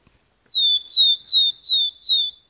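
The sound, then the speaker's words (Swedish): A willow tit sings a slow trill: five clear, high, slightly falling whistled notes in an even, unhurried rhythm, fairly loud against silence. “Det där låter som en talltita. Helt riktigt.”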